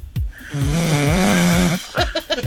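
A loud snore drags out in one long, droning, rattling breath, framed by a few low thumping breaths before and after.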